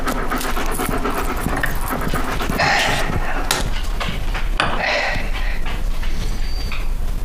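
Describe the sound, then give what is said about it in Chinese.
A dog pants rapidly and steadily as it is given water to drink, its breathy rhythm continuing throughout with occasional wet lapping or snuffling sounds and a low background hum, no voices present. “我骂的是狗，我是骂狗呢”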